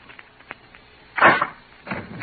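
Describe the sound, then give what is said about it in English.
A door is opened by a husband: a few soft clicks from the latch, then a louder wooden rustle and scrape, followed shortly by a second muffled bump as it swings. No voices. “open the door”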